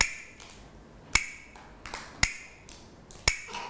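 Wooden hand clappers strike three loud, crisp clacks at an even, unhurried pace, each with a brief bright ring, as a teacher gives rhythm signals to children for morning exercise movement. Softer taps fall in between, and no one speaks.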